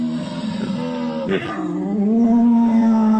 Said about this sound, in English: That's a deer.